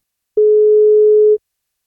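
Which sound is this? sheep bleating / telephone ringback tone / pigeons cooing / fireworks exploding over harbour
telephone ringback tone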